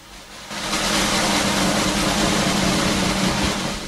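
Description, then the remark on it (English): A sustained drum roll starts after a brief quiet moment and holds loud and steady, a dense rapid rattle that keeps going without a break until the end. “And guess what? Here it comes. Welcome back our proper drummer.”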